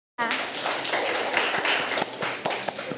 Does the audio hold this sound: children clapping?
yes